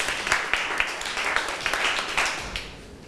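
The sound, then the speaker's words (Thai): Students applaud together for a classmate at their teacher's request, a steady burst of many overlapping claps at moderate volume that continues for a few seconds with no talking. “นักเรียนมีใครอยากจะเสนอแนวทางการปฏิบัติตนไหมคะว่านักเรียนเขียนไปในแนวทางใดบ้างเชิญค่ะปรบมือให้เพื่อนหน่อย”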